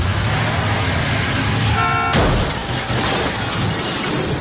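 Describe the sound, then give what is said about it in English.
A film car chase scene ending in a crash: loud, roaring vehicle noise fills the scene as a car horn blares briefly, cut off by a sudden sharp crash, with the engine rumble continuing afterward. No one speaks. “The car chase scene and the ultimate crash perspectives are so excellent.”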